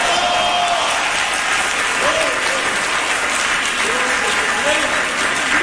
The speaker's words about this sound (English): Clap your hands and say, praise the Lord.